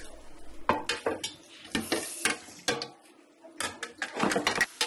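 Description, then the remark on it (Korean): Irregular bursts of clattering and soft squelching as Sangdomun acorn jelly (dotorimuk) is tossed and mixed with seasoning in a bowl, with utensils clinking against the sides. Moderately loud, no talking. “시키는 대로 묵을 무쳐도 봤고요.”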